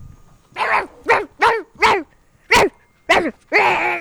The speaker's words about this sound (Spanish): Ahora Sí. igual aparecen ladridos por aquí. A ver.